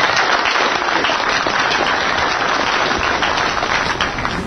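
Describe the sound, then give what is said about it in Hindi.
A crowd applauds steadily after a story is read aloud, many hands clapping in a dense, even roar that holds loud from start to finish without any voices. “कहानी को पढ़ने के बाद तालियों की गड़गड़ाहट हुई।”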